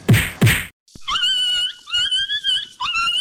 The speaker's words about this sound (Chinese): 哎呦，你这是要把狗打死哦？ 阿嬷，这是在虐待动物哎